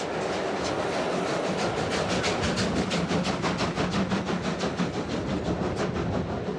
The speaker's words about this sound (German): An den Fenstern beider Züge ist das gegenseitige Überholen ein lang ersehntes Spektakel. So nah kann man eine schwer arbeitende Dampflok sonst nie erleben.